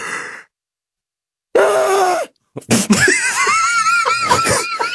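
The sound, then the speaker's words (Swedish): A voice imitates the way a woman yawns, a loud, shrieking yawn rising into a strained high wail, followed by bursts of laughter and excited vocalizing. “Jo, men det är inte bara att hon gäspar, utan när hon gäspar, då gör hon så här.”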